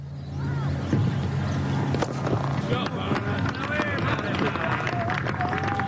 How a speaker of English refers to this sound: The gentle sound of a cricket match in a quaint English village as leather hits willow. These relaxed local matches played by amateurs are the staple of the summer across the countryside.